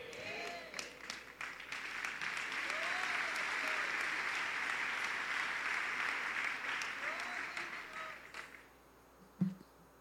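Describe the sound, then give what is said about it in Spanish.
A church audience applauds steadily for about nine seconds, a dense wash of clapping that tapers off near the end, with faint voices calling out underneath. “Si ese aplauso es para honrar el nombre del Señor, creo que lo podemos hacer de una mejor manera, porque quiero recordarle que esta es la casa del Señor.”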